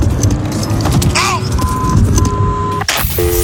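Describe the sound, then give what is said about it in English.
A car engine rumbles steadily as the car is started up to drive off, while electronic chime tones beep over it, followed by a sharp clunk near the end and a quick series of beeps. “Oh, this is starting my car up. She's driving me the out of here.”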